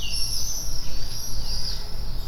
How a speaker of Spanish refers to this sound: Probé con los vencejos. Si ralentizamos su voz y escuchamos su agudo y brillante canto a cámara lenta, resultan terroríficos. ¿Estarán advirtiéndonos?